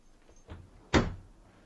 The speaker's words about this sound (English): Close the door. Close it!